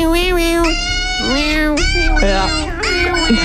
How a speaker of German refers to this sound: So, wenn man da jetzt aber genau hinhört, könnte man auch Mama verstehen. Sehe ich auch so. Deshalb, ich würde jetzt sagen, Baby. Das ist falsch. Au, krass. Oh, es ist ein Hund. Oh mein Gott.